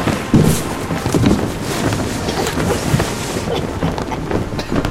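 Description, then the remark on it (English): Steady, blustery wind rushes over the microphone aboard a boat, with low rumbling buffets and a broad hiss of moving air and water continuing throughout. “we're on a boat.”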